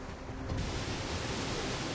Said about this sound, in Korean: 우와! 폭포다! 우와! 가까이서 본 오르온 폭포는 웅장하기보다 친근합니다.